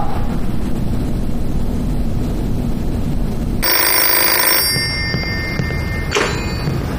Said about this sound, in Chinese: 电话。